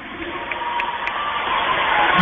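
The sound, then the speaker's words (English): A dense, steady roar of crowd noise that swells slightly louder toward the end, with a couple of brief sharp spikes cutting through the broad wash of cheering, from the crowd backing Kent State in a match against the Falcons. “And with this crowd behind Kent State, it is suffocating.”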